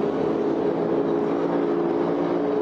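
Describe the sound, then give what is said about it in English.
A loud, steady engine roar from the MCON Monster Energy racing powerboat making a single run, holding a constant droning pitch with no pauses, dominant throughout with no voices. “looks like Myrick and the MCON Monster Energy machine is going to come back here and do a single as they lean into this one.”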